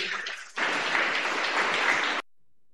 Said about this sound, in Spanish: Aplauso contento para Cristo Jesús.